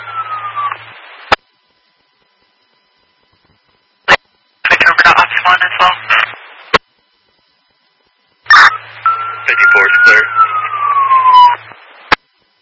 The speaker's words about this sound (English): Go ahead, drop tones one more time.